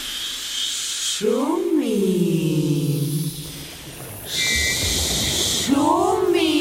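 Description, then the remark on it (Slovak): A steady, hissing wash of sea waves murmurs throughout, even, with drawn-out gliding, voice-like tones rising and falling over it. “Šumím. Na čo šumíš? Šumieť sa musí.”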